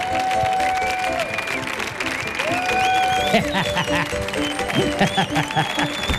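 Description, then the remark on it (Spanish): An audience applauds loudly and steadily for several seconds as a speaker is introduced to give a humorous talk, a dense wash of clapping mixed with crowd noise, voices and a few sustained tones running underneath. “Fuerte el aplauso para”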